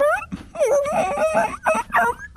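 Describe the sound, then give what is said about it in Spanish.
A person imitates a whimpering puppy, making a string of high, wavering whines in quick succession, fairly loud for a couple of seconds. “Ustedes lleguen como perritos y.”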